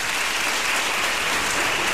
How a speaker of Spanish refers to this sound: Y esta canción, además, se la dedicamos a Nieves Concostrina, que yo creo que está escuchando. Por favor, un aplauso para ella.